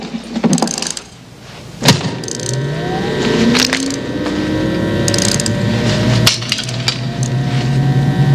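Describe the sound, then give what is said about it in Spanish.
A wind-up toy car clicks rapidly as its spring is wound, then whirs once released, a thin mechanical whine rising in pitch and buzzing steadily with a few sharp clacks along the way. “Dale cuerda al auto y suéltalo.”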